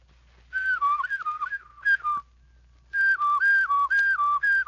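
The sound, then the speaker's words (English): A person whistles a clear, steady melody, with notes stepping up and down in two phrases separated by a short pause, loud and unaccompanied. “In a short while, if you practice daily, your whistle will sound more like this.”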